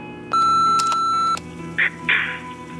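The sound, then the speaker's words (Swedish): A single long, steady electronic beep from the Amorosa pizzeria answering machine sounds for about a second, followed by a couple of short rustling or clicking noises. “Vi kan inte ta telefonen just nu, men lämna ett meddelande eller beställ din pizza efter pipet.”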